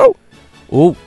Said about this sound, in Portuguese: por favor, esse é o cão pedindo. Me leva para casa. Me leva para casa.